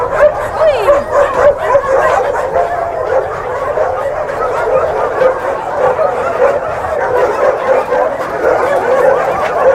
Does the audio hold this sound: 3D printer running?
no